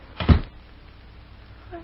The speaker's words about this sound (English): Close that door, Lucy. You'll catch your death of cold.